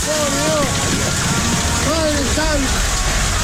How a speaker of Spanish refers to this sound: Tremendo, ¿eh? Uf, bueno, esto fue Córdoba. Esto es Córdoba, chicos. Hoy día lunes, por eso hay alerta. Ah, bueno, cascoteados, ¿eh? Mucho, parece nieve, pero no es nieve, ¿eh? Es granizo. Esto pasó en Córdoba.